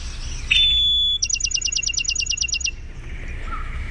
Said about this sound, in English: So Bachman Sparrow, some people might call it Bachman, but John Bachman from the East Coast pronounced it such, Bachman. And the song is often described as here, kitty, kitty, kitty.